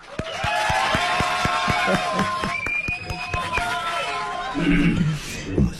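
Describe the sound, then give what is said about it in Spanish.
Steady rhythmic clapping from a program audience welcoming a distinguished guest, mixed with sustained cheering and whoops, loud throughout the whole stretch and thinning slightly toward the end. “Recibamos con un fuerte aplauso a nuestro distinguido invitado.”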